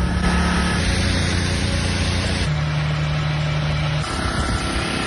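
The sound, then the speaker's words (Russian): Steady, loud mechanical drone of running petrol generator engines in Crimea, heard day and night, a low throbbing hum with a constant pitch that shifts slightly partway through, and no voices. “В итоге весь Крым живет в генераторах, и днем, и ночью слышен их мерный гул.”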